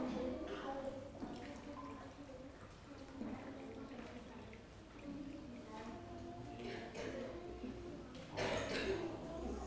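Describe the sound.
A child pours water from a jug into a glass while measuring water by the glassful, a steady trickling splash that runs for several seconds, with voices murmuring in the background.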